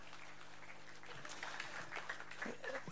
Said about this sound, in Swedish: Nu brukar jag få en applåd. Tack så mycket.